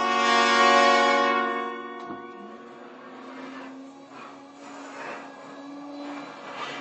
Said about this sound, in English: Turn that vacuum cleaner off for a minute, will you, and come over here.